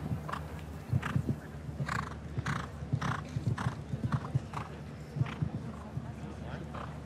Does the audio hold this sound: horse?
yes